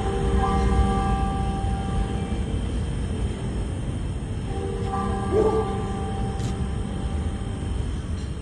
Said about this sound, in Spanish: Solo el sonido de las campanas